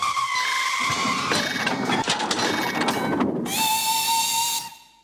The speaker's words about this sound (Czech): Vykřiklo, vyskočilo a zatáhlo za záchranou brzdu. Vlak začal prudce brzdit.